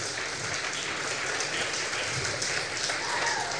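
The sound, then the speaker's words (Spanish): An audience applauds steadily, a dense, even wash of many hands clapping that fills the whole clip at moderate loudness, with no one speaking over it. “Amén, dale un fuerte aplauso.”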